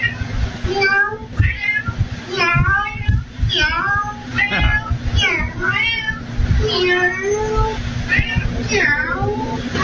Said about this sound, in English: There's a woman posted this video after her security camera caught her cat talking to the handyman.